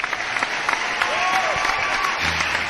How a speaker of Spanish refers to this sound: Aplausos.